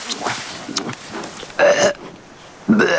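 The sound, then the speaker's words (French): Two loud, throaty burps, each lasting a fraction of a second with a gravelly, voiced tone, the second following about a second after the first, preceded by softer muffled mouth noises, after chewing and eating bamboo, which the burper digests poorly. “Je te l'avais dit, je ne digère pas le bambou.”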